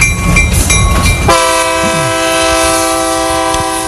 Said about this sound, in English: If you hear the train, it means somebody's on the phone, on the junction phone.